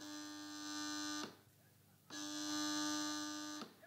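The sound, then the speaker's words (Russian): A telephone buzzes twice, each harsh, steady, mid-pitched drone lasting over a second, with a short pause between the two loud bursts. “Телефон слушай.”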